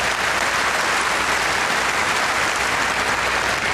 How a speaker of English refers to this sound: And we've also got the brilliant Andrew Rosendale, who is, yeah, you can give him a clap, he's a great man.